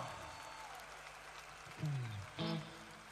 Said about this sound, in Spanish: ¡Fuerte el aplauso! ¡Fuerte el aplauso para el maestro!